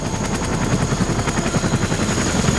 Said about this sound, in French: Dans un bruit de rotor assourdissant, 2 hélicoptères blancs se posent dans une clairière.